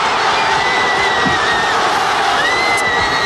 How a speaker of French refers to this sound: Et je vous propose pour commencer eh bien, d'écouter l'explosion de joie des Espagnols.